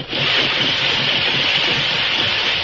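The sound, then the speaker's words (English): A steam engine used to haul ore out of a tunnel runs steadily at the tunnel entrance in a valley, giving off a continuous loud hissing rumble that stays even throughout, with no voices. “they saw live steam coming from the entrance to a tunnel in the valley”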